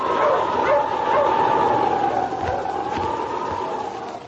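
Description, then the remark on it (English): King, Sergeant Preston's wonder dog in the Yukon, barks and yips several times in the background over a steady, whistling howl like storm wind, with a few sharper barks near the end. “Now back to the days of the gold rush when Sergeant Preston and his wonder dog King battled through storm and snow to preserve law and order as they met the challenge of the Yukon.”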